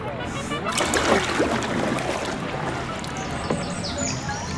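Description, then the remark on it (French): Water laps and sloshes gently and steadily, with small irregular splashes, like a small boat rocking on calm water, on a shallow greenish lake at 2000 metres altitude with canals and floating gardens. “J'ai beau tendre l'oreille, je n'entends rien à part le clapotis de l'eau.”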